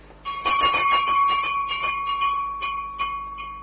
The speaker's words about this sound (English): It's the bell of your room, sir. Now, if you're down here, who rang it?